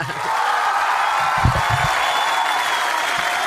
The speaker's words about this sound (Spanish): Ponle más aplausos al Turco, dale más aplausos.